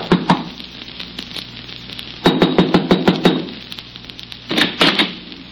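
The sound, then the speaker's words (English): Knocking on the locked wooden door of the little shack Lennard had rented comes in three bursts of sharp, evenly spaced raps, the middle round the longest, over a steady low background hum with no voices. “I tried the door, but it was locked, so there was nothing for me to do except knock.”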